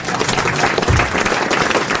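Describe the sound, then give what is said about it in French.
An audience applauds steadily, a dense wash of many hands clapping at once, loud and continuous for the full two seconds with no voices on top. “Ne m'applaudissez pas, comme disait Isabelle Mergaud, c'est mon métier.”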